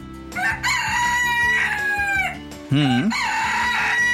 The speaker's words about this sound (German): Und das klingt die ganze Zeit dort so, denn in Son Servera, da ist ein Hahnenschrei-Wettbewerb abgehalten worden. Gezählt wurden die Hahnenschreie, die so ein Gockel in einer Stunde loslässt, also im Wettbewerb.